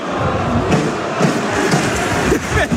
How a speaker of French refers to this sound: Juan Guevara qui est applaudi par le public corse.